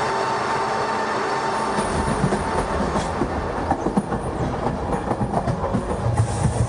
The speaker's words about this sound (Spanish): Domingo 18 de enero de 2026, 6 y 10 de la tarde. De la estación Puerta de Atocha sale el tren Alvia 2384 Madrid-Huelva con 191 pasajeros.